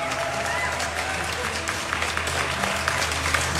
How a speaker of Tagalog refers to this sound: So muna, tama na palakpak!